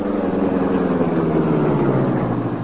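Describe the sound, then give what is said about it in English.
A car engine rumbles loud, its steady hum dropping slightly in pitch as if slowing to a stop, with no voices over it: the car driven by Cato pulling up. “Step on it, Cato. You get inside the car, Mr.”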